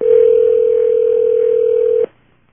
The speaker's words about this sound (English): One ringing, two ringing.